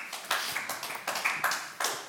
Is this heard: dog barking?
no